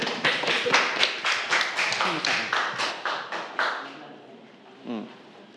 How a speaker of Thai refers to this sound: ปรบมือให้กับเพื่อนด้วยนะครับ